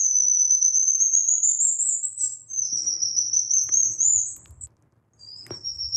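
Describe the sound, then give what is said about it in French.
Calls of a black lion tamarin, a monkey of Brazil: long, thin, high-pitched, bird-like whistles that hold steady and slide slightly upward, repeated three times, with faint low rustling beneath the later ones. “C'est le tamarin lion, noir probablement.”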